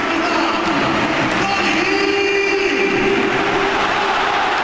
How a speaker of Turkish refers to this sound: Carvajal alkışlarla veda ediyor Real Madrid formasına.